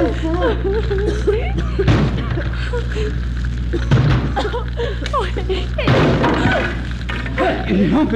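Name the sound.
door being broken down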